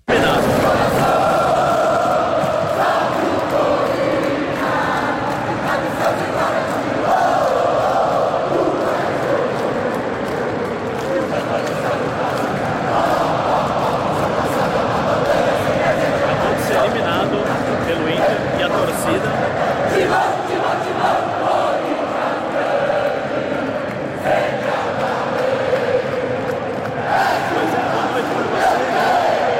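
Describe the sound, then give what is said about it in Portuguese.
A big crowd of Corinthians football fans sings and chants together in a steady, loud roar, with scattered clapping mixed in, applauding the players after the team's elimination, continuing without a break for the whole stretch. “Mostrar depois do jogo a imagem que eu fiz do torcedor cantando e aplaudindo os jogadores depois da desclassificação.”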